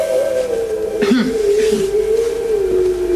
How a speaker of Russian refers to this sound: Я слышу, опять воет собака.